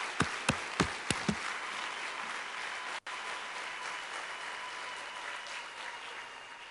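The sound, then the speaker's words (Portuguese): An audience applauds steadily for all the children in the rest of the country, a dense wash of many hands clapping at once, with a few sharp, louder claps standing out at the start and a brief dip midway. “eu quero que mais uma salva de palmas para todas as crianças que estão no resto do país.”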